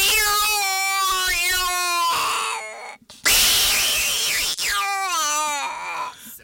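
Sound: cat meowing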